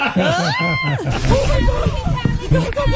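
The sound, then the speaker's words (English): A woman lets out a loud, high-pitched scream lasting under a second as a sea lion jumps onto the boat, followed by overlapping voices and a busy, jumbled commotion. “That is some scream. Her scream scared the sea lion off the boat.”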